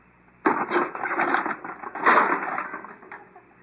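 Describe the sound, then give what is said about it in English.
A wooden birdhouse made of green lumber is smashed apart with a hammer, a loud burst of splintering and crunching wood that rumbles on for about three seconds, swelling again before trailing off. “you smashed the whole birdhouse.”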